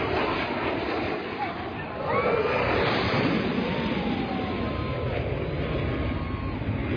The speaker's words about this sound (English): You can hear one Blue Angel fly past the crowd, flying low and over the water. Right behind it, the second passing over the crowd, sending sand in the air and beach umbrellas flying.